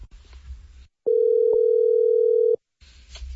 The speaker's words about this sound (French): Ça sonne, là, ça sonne. OK.